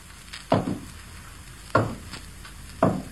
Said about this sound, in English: But while he was out at the mysterious Willoughby place, a strange thing happened. First, the door opened. Then there were hollow footsteps.